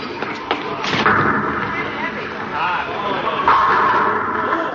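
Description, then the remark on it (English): A bowling ball rumbles down the lane and crashes into the pins, knocking them all down, a loud clatter of tumbling pins over a busy, noisy background with muffled voices. “Oh, I knocked them all down.”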